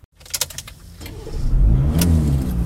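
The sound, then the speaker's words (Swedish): A few sharp clicks and rattles come first, then a car engine starts up and settles into a loud, steady rumble, revving as the car gets moving on a drive through Sweden at midsummer. “Jag gillar att köra bil. Just nu är jag, precis som många andra, på väg genom midsommarsverige.”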